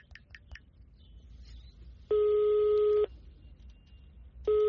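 A woman taps a number into her phone: a few quick key-tap beeps, then the ringback tone on the phone's loudspeaker, a steady electronic burst of about a second, a pause, and the next ring beginning. Nobody speaks.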